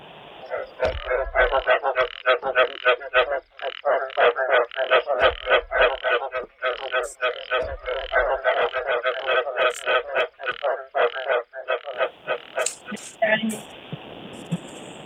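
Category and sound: animal, frog croaking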